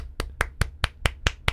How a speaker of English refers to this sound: Oh, you guys can actually hear me clapping.